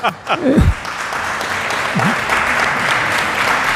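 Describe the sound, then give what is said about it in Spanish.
Sustained clapping from a crowd, dense and steady throughout, with a brief voice at the start and a faint vocal sound partway through. “Bueno, he sido el único que ha arrancado. Un aplauso, ¿eh?”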